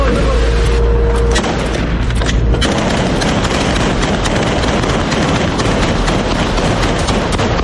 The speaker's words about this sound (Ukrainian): Шестеро курдівців дійсно їхали у невідомість. Невідомість вже за півгодини зустріла кулями і вибухами.